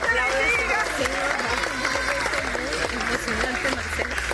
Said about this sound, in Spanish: Los aplausos en San Bernardino, en el área metropolitana de Caracas, donde 30 horas después rescataban con vida a un joven.